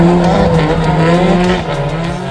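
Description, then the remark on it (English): A drift car's engine roars at high revs while its tires squeal continuously in a sustained drift at Uber Drift in Tokyo, Japan, loud, the harmonic whine holding steady before easing slightly near the end. “And after experiencing drifting from inside these cars, you understand why this culture still continues to hold a legendary status around the world.”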